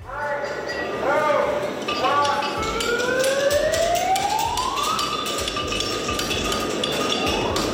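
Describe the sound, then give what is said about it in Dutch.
Metallic clinking of hammers striking horseshoes on anvils at a European championship in a horse arena in Mariënheem, where over 60 participants from various countries forge horseshoes. Many sharp overlapping strikes in an irregular rapid rhythm, with a bright ringing tone sliding upward in pitch underneath. “Ruim 60 deelnemers vanuit allerlei landen zijn speciaal afgereisd om de mooiste hoefijzers te slaan.”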